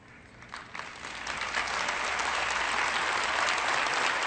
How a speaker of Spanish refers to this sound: Y usted sabe, yo conozco la diferencia entre aplausos genuinos y medios aplausos. Y está bien, ¿no? Tiene que volver a aplaudir, pero yo capto mucho al escuchar los aplausos.